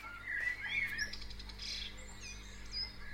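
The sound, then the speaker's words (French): Several birds chirp and sing in overlapping high, bright calls, a lively dawn chorus over a low steady background hum, with no voices present. “Ah, et ça, c'est le matin, les oiseaux se lèvent.”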